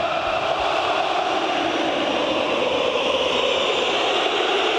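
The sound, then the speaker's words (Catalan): A loud, unbroken roar of the stadium crowd at a Galatasaray versus Barça football match, fans on their feet from the first minute, a dense wash of many voices blending into one steady wall of noise for the whole stretch, with no single voice standing out. “Sorollós aquest Elisa Millén, amb el públic ja des del primer minut dempeus i votant, amb aquest ambient de fons.”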